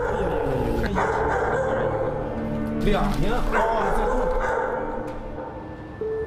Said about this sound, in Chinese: 我们实际到了这一住户的阳面之后呢，发现一间卧室内的确被改造成了养犬的这种类似于犬舍的形式。 除了犬吠声，房间内没有任何其他回应。